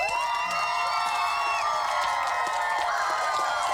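A quiz show audience cheers and whoops loudly and steadily for returning contestants who won the first three rounds, with scattered clapping running underneath throughout the few seconds, sounding lively.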